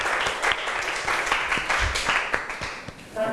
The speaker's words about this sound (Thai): ขอเสียงปรบมือดังๆ